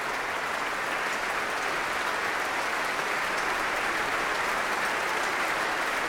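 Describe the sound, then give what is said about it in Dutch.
Steady, dense applause from a large, full concert audience and from musicians of the orchestra, for their guest conductor and soloists, baritone Stéphane Degout and soprano Julie Rosé: a continuous wash of many hands clapping at once with no voices rising above it. “Er wordt nog steeds geapplaudisseerd. Niet alleen door het publiek, maar ook door muzici uit het orkest zelf.”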